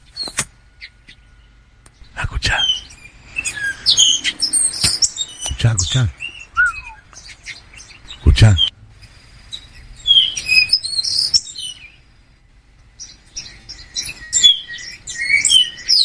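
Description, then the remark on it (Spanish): Small native birds of Matanzas chirp and sing in a busy, overlapping chorus of high, quick notes that runs nearly the whole time, punctuated by a few sharp knocks and a brief spoken word. “Estos son los pajaritos matanceros.”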